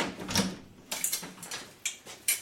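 Several sharp knocks on a castle door, about five after a count to five, spaced unevenly over a couple of seconds. They sound fairly soft, with no voices in between.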